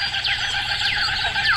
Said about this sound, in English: Yeah, good morning, Kookaburras.